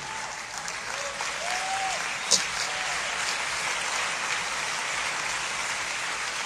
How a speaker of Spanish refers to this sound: Dale un aplauso al Señor por eso. Fuerte este aplauso al Rey.